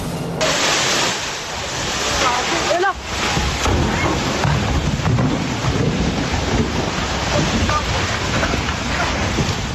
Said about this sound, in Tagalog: Dinig sa video ni Brian Biag ang dagundong ng mga bato nang gumuho ang bahagi ng bundok